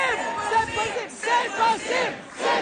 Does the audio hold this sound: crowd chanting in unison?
yes